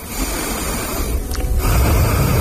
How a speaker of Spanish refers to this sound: Quiero oír tu respiración, ¿cómo es la tuya?